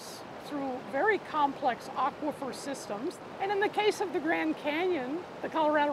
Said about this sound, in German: All das oberflächliche Wasser, das hier durch den Diamantenbach fließt, ist Grundwasser aus den oberen Schichten. Das sucht sich seinen Weg durch das Gestein.